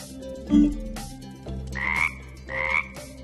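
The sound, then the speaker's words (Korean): A frog croaks three times in short, raspy bursts spaced about a second apart, fairly loud, with a faint steady tone humming underneath and no one talking. The sound plays when a red button is pressed. “빨간색 버튼을 누르니까 개구리가 튀어나왔어.”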